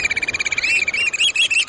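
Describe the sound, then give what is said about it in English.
Black oystercatchers pipe in a rapid, continuous stream of shrill, high notes, about ten per second, loud with no voices, the calls running together toward the end. “Contrary to their name, oyster catchers rarely eat oysters.”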